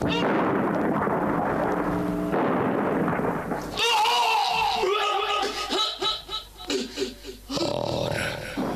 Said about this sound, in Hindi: Major Sharma एक जगह magazine में गोलियां भर ही रहे थे कि दुश्मन का एक बम उनके बगल में पड़े एम्यूनिशन के भंडार पर आ गिरा।